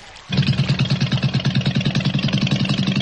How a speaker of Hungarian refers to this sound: És elindítja a csónakot, amely lassan, nagy félkörben kanyarodik visszafelé.